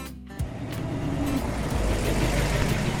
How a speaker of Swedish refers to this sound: har lånat sin kompis bil. Han kör genom West Hollywood. En solig sträcka. Breda vägar som kantas av palmer.